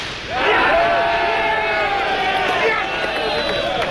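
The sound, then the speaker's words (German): A large crowd cheers and shouts together at a marksmen's festival (Schützenfest) in the Hochstift region around Paderborn and Höxter, Germany, many voices overlapping in a loud, sustained roar that swells quickly and holds steady for a few seconds. “Manchmal gab es aber auch keinen Jubel.”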